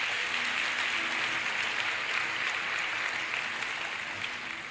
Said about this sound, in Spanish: Impresionante la palabra de Dios. Un aplauso a la Biblia.